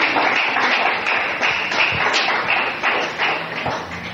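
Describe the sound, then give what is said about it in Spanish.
A church audience applauds the Lord during a morning service, a steady dense wash of many overlapping claps sustained for several seconds with slight swells in loudness and no voices standing out. “Dale fuerte el aplauso al Señor esta mañana.”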